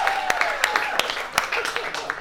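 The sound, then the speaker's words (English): Scattered audience clapping in agreement, a handful of sharp, uneven claps rather than full applause, heard over a murmur of crowd voices. “Clap it up if you agree, ladies.”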